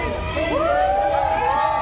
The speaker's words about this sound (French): Jusqu'au balcon des immeubles voisins, la foule l'acclame.